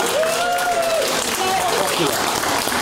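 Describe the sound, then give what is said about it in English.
A crowd in the room claps steadily and loudly for a few seconds, a dense, even wash of applause with some voices and whoops rising through it, in support of singing the national anthem before council meetings. “All right, round of applause in the room if you think you should sing the national anthem before council chambers.”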